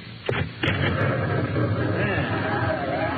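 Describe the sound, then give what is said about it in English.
Two heavy, booming thumps land in quick succession, violent pounding on the outer door of a house, followed by a steady low rumble of background noise. “An oil lamp clutched in her gnarled hand to answer the violent pounding on the outer door.”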